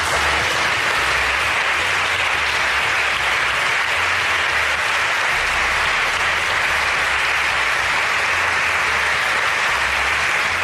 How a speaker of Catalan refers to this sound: Molts aplaudiments